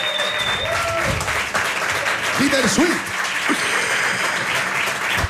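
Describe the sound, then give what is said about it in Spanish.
Loud, sustained applause from an audience for a guitarist, a dense steady clatter of clapping hands, with voices speaking over it. “Un aplauso fuerte para”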